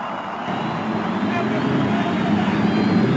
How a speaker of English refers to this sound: After the cheers of over 300,000 fans, the engines are started along the main stretch.